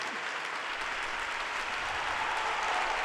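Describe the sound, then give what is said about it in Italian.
Sustained, dense, thunderous applause from a large crowd for Pope Leo in the exhibition hall in Rimini, a steady wash of many hands clapping at once with no pauses, loud and continuous throughout. “Papst Leo bedankt sich für den tosenden Applaus hier in der Messehalle von Rimini.”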